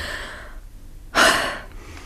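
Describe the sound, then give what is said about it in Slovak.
A deep, audible breath drawn in and let out slowly, fairly loud, following a softer breath at the start; a relieved, unhurried breathing with no talking. “opäť sa mi ľahko dýcha.”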